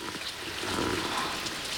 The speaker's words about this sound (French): Ah, c'est la gouttière du garage qui fuit. Et c'est toi, la pluie, qui tambourine sur une cuvette en plastique.